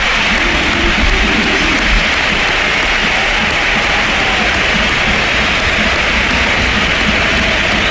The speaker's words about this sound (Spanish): Y ovación a Rodri, que le han pegado también la pasada cuando entró Rodri, y ovación a Modric, que también le han pegado. Esa ha sido brutal. Mira, escucha. Modric, nos ponemos de pie. Vamos, nos ponemos de pie y dejamos que suene el Sánchez Pizjuán.